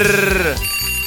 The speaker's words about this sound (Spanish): Vamos a mandarle su poderoso despertador.